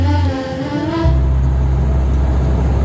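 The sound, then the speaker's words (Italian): A vehicle drives along the road at 70 per hour with a steady, loud low engine rumble and road noise, preceded briefly by a higher tonal engine whine before it settles into a constant drone. “Guarda che roba, si viaggia, bestia, guarda che meraviglia. 70 all'ora. 70 all'ora che ho raggiunto, crono tachigrafo.”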